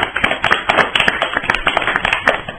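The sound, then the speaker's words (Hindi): Loud, dense applause from a crowd for children, many hands clapping in a fast, irregular patter that stays steady throughout with no voices over it. “अपने बच्चों इनके लिए जोरदार तालियां हो जाए।”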